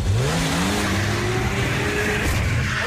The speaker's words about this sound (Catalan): A un altre fotògraf l'atropella amb el cotxe. Ei, ei, ei!